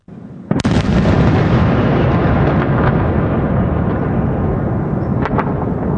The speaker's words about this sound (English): Residents were forced to take cover in metro stations and secure bunkers as air raid sirens rang out amid a barrage of strikes.